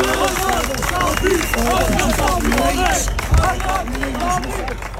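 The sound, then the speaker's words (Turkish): A dense crowd of football supporters outside the stadium cheers and calls out together, with some applause mixed in, as Hakan Safi leaves the stadium and gets into his car. Fans shout phrases like 'Bravo başkanım' and that they will wait another year. The sound is loud and continuous, with many overlapping voices throughout. “Ve Hakan Safi bu sözler eşliğinde, bu alkışlar eşliğinde, bu destek eşliğinde arabasına biniyordu.”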